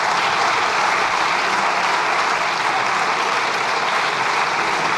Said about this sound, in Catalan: Aplaudiments des de la bancada socialista.